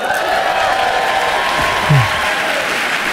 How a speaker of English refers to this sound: No. No, don't cheer that.